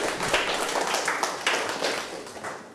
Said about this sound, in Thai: ปรบมือให้เพื่อนกลุ่ม3เลยครับถูกต้องครับ